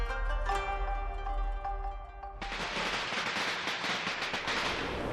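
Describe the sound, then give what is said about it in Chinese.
Steady, ringing musical tones play for a couple of seconds, then a loud, dense string of firecrackers bursts in, a rapid, continuous crackle of sharp pops that carries on to the end, set off for the Spring Festival (Chinese New Year) in Langzhong. “爆竹声声辞旧岁，锣鼓阵阵迎新年。”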